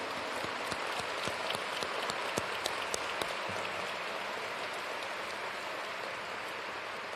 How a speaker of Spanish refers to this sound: Me refiero a Utlán, me refiero a Toluca, me refiero a Monterrey y me refiero desde luego a todos los hermanos y hermanas que están aquí de la Arquidiócesis de Guadalajara. Un aplauso para todos.